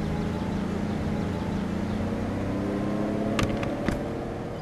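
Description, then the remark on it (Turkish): A heavy truck rumbles by with a steady, droning engine and low harmonic hum, holding an even loudness throughout, with a couple of brief sharp clicks near the end. “Bu kamyon göktaşı mı taşıyormuş?”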